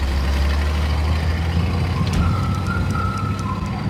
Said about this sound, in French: Ils prennent ensuite la poudre d'escampette, emportée par une centaine de camions, destination Chambord, un château situé à 160 km.